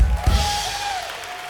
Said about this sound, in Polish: Wielkie brawa!